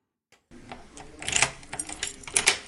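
A door is unlocked and opened: a run of metallic clicks, scrapes and rattling, with two sharper jingling clacks standing out, moderately loud and with no voices.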